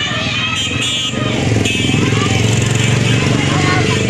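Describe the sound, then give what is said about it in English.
Loud, steady engine drone of a stream of people riding motorbikes inland after a tsunami warning following an earthquake, rising slightly after the first second and holding a continuous rumbling hum, with indistinct voices mixed into the busy background. “A stream of people could be seen moving inland on motorbikes after the authorities issued a tsunami warning, which was later lifted.”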